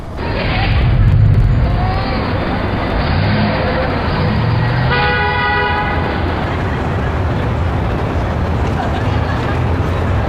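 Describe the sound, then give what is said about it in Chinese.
Heavy, rumbling street traffic fills the scene, and a single loud car horn blares for about a second midway through, amid the steady engine noise of a traffic jam. “我，路上有点堵车，我这肯定是要迟到的。”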